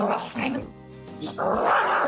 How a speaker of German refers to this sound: Ein Hund, der seine Artgenossen einfach nicht leiden kann.